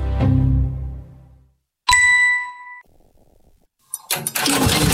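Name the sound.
tractor engine starting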